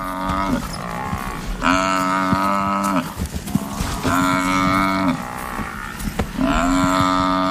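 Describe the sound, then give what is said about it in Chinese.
An African buffalo, attacked by four lions and dragged down a riverbank, bellows loudly in four long, strained, moaning calls, each a second or so, with rough scuffling and growl-like noise filling the gaps as it struggles to stay standing. “非洲水牛竭尽所能保持站立，一旦倒下，它多半会丧命。”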